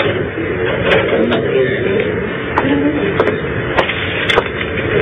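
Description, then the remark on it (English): A key turns in a door lock, producing a handful of sharp, irregular clicks and clunks over a steady low background hiss, with no talking. “You've locked it? As you wish me to.”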